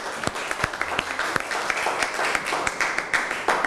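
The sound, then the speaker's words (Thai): A group in a class applauds a student representative after a presentation, many overlapping hand claps forming a dense, even patter with sharper individual claps standing out, sustained for several seconds without any talking. “ขอบคุณค่ะขอเสียงปรบมือให้ตัวแทนนักเรียนนะคะ”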